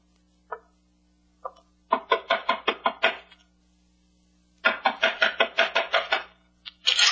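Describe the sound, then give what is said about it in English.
Knocking on a door: two single taps, then two loud bursts of rapid, repeated raps separated by a short pause, with more knocking starting at the end. No voices. “Knock on the door, Shannon. This gun says knock.”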